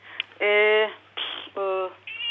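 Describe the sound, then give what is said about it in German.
A cat at home meows twice in close succession, loud, each call drawn out with a strained, rising-falling tone, with a faint breathy sound between and after. “Oh, Sie haben auch eine Katze zu Hause.”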